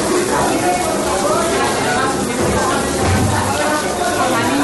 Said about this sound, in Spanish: De esta forma evacuaba a las aulas el personal de la Escuela Infantil Municipal Las Mercedes en San Blas Canillejas, mientras el agua caía por las paredes y todo se inundaba poco a poco.